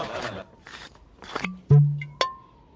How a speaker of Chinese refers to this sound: 哎哎，大家都跑了一天了啊，坐下歇歇，我去给大家倒水啊。